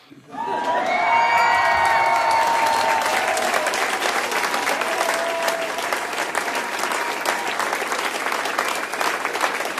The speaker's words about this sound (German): Also, Jubel!